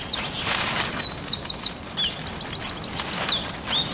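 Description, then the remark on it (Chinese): A northern goshawk, holding a high vantage point in a forest and surveying its territory, calls in quick, repeated high chattering notes, a steady run of sharp chirps over faint background hiss, with other thin bird calls scattered around it and no voices. “苍鹰占据制高点，巡视领地。”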